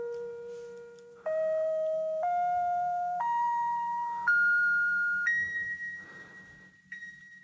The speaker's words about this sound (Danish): Det gør jeg, fordi at alle mine ringetoner på min telefon, både når der er nogen, der ringer, når jeg får sms'er og andre notifikationer, de er samlet fra den samme plade. Sådan her lyder det, når jeg får en sms.